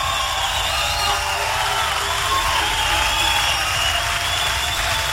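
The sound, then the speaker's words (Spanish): An audience bursts into sustained, loud applause for the Lord, a dense wash of clapping mixed with cheers and whoops that stays steady for the whole stretch. “aplauso al señor.”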